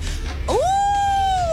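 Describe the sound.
A child's voice imitates a wolf howl when asked what a wolf says, one rising then long sustained tone, clear, alone against a low background hum.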